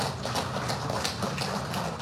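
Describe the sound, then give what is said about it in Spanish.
A crowd at a municipal 17th-anniversary ceremony applauds to welcome Luis Arce Clemente, with dense, steady clapping that holds an even loudness for about two seconds and no voices rising above the noise. “Vamos a recibirlo con ese fuerte voto de aplausos, por favor.”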